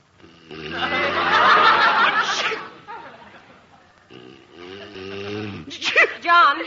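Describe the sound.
A man lets out a loud, drawn-out sneeze that cuts off sharply, followed by softer vocal sounds and a brief exchange of voices nearby.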